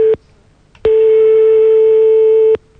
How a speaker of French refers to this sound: On est en train de composer le numéro de téléphone.